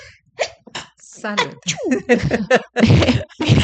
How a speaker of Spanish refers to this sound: Salud. Ahora me dio estornudo, mira qué vaina. Algo tiene que haber dado alérgico. Algo me dio estornudo.